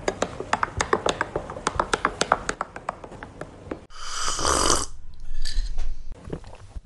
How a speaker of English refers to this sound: Yes, as you can hear, I'm sipping my coffee.